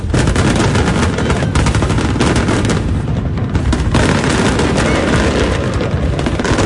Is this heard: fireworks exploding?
yes